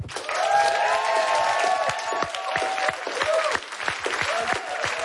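An audience claps steadily and loudly for several seconds, the dense applause mixed with scattered cheers, whoops and high-pitched shouts rising above it.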